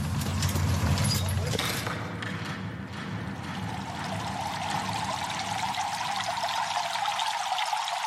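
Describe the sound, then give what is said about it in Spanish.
Water pours steadily and continuously in a Roman bathhouse where people bathe, a loud splashing rush that lasts the whole time, with a faint murmur of voices behind it. “Estamos en el edificio de las termas. Aquí viene la gente a bañarse, pero a bañarse de una forma muy especial.”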